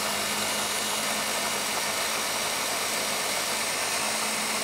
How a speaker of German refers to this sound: So, Deckel nicht vergessen. Deckel nicht vergessen, sonst geht er auch nicht. Und dann mixen wir das einmal volle Power durch.